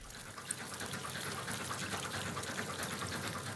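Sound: fast-flowing river water rushing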